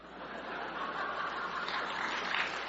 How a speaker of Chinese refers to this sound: 别鼓掌了